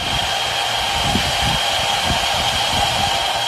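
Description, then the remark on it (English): Steady, loud industrial drone from a mine, with a broad hiss and a constant high whine, plus irregular low thumps pulsing underneath; the noise is said to reach around 70 to 75 decibels at a K-12 school. No voices are present. “Here's what the mine sounds like.”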